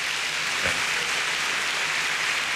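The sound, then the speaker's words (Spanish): Steady, dense applause from a crowd, a continuous wash of many hands clapping at once without pause or speech. “Dele ese aplauso.”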